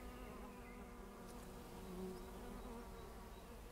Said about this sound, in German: Da ist Leben drin, da sind viele Bienen und Insekten drin. Hört ihr das?